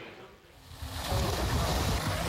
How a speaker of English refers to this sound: On a sweltering day, Israeli settlers splash in a pool at a Jordan Valley archaeological site.